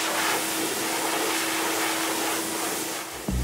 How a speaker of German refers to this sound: Das ist eigentlich ein Motorradföhn aus den Staaten, den wir da so ein bisschen umfunktionieren